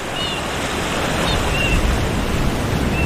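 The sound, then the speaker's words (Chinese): Winter ocean surf churns against a rocky shore in a dense, steady roar of rushing water that barely rises or falls, with a few faint, brief high whistles over it and no voices. “帽贝、贻贝、螃蟹、藤壶和海胆都进化出坚硬的外壳，以便抵御海浪的冲击生存下来。”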